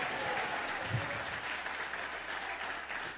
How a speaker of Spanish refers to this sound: Alguien dele un buen aplauso al Señor.